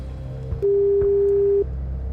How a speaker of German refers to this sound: Und da rufe ich jetzt mal an. Es klingelt auch schon.